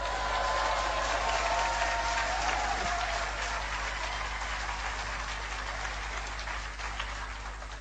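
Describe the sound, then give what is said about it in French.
A church audience of about 15 people applauds steadily for several seconds, a dense crackle of clapping hands that stays fairly loud before easing slightly toward the end. “Frères et sœurs, que Dieu soit béni, il y en a 15 qui applaudissent.”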